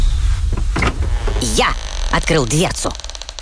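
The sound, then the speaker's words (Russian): A small laboratory refrigerator door is pulled open with a squeaky creak, two drawn-out wavering squeals after a few soft clicks, ending with a faint rattle. “Подбежав к холодильничку, я открыл дверцу.”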